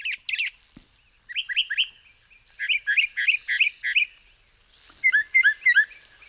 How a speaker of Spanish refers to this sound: Es el sinsonte norteño, nombre científico, Mimus polyglotus, seguramente el mejor cantante de Cuba. Aunque ocupa también buena parte de Norteamérica y otras islas del Caribe, aquí es una presencia habitual en jardines, campos abiertos, pueblos y